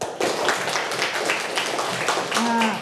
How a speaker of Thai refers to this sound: เด็กๆคะเด็กๆนั่งตัวตรงไหนลองปรบมือให้คุณครูฟังหน่อยค่ะปรบมือ